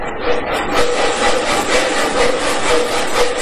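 Two men work a two-man bow saw steadily through wood, cutting firewood, its rasping strokes repeating in a fast back-and-forth rhythm, loud and continuous with no voices.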